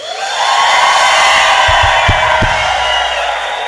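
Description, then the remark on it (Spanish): An audience at a morning church service shouts and cheers with joy, a loud sustained roar of many voices that swells quickly and holds steady, with a few dull thumps underneath. “¿Cuántos están contentos en esta mañana? Si quiere darle un grito de júbilo.”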